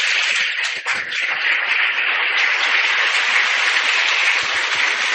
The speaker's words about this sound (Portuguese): Então, a eles também, a nossa gratidão sentida. E eu peço uma calorosa salva de palmas.